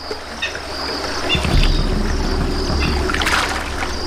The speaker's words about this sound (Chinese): 猛雕会利用小溪清洗羽毛，去除讨厌的雨湿。